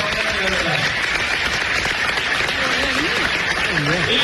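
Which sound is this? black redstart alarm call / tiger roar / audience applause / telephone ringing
audience applause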